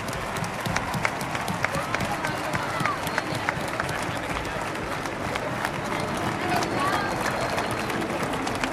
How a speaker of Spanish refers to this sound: Así que un fuerte aplauso para María, que está viéndonos desde arriba.